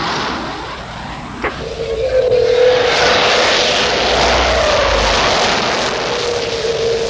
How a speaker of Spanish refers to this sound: Salen jets a interceptar. Estamos despegando.